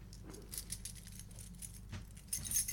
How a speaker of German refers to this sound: Ich habe jetzt einen Schlüssel für eine Dresdner Wohnung.